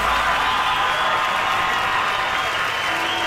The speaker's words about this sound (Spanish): Gracias, muy amables, por los aplausos a toda la gente que se acompaña esta tarde.